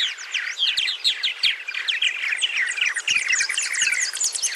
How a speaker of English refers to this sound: Purple martins nest in large colonies, leveraging their numbers to warn away and defend against predators.